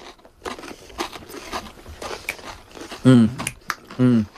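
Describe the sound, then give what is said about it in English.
Crunchy chewing on a loaded Frito scoop chip taken whole in one bite, a series of crackly bites and mouth noises, followed by a couple of loud, wordless hums of enjoyment. “You can't bite it because it'll go all over you. You got to take the whole thing.”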